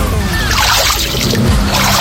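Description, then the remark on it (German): Continuous sloshing and splashing of water, steady, as legs wade through a Kneipp pool in Dorschhausen with water of 6 to 8 degrees Celsius, with a faint hum in the background. “Also das ist Wasser. Ich war Kneipen. Ich war in Dorschhausen und da ist ein Kneippbecken.”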